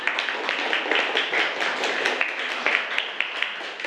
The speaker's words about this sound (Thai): เก่งมากปรบมือให้กลุ่มหนึ่งหน่อยนะคะ